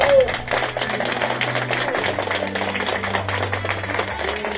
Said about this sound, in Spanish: Fuerte aplauso para recepcionarlos.